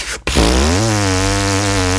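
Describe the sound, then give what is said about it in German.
A person buzzes their lips to imitate a didgeridoo, making a loud, low, steady droning tone with a rich buzzy timbre that holds for nearly two seconds after a brief pause. “Da ist so der Didgeridoo-Ton.”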